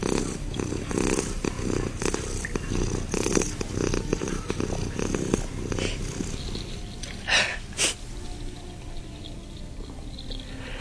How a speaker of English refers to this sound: She's purring pretty darn loud. Yeah, she's purring loud. Louder. Shh. More purring. Probably isn't coming out loud enough.